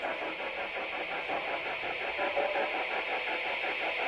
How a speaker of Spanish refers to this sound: Eso que se escucha de fondo es la alarma. Vale. Y ahora es cuando se apaga la alarma.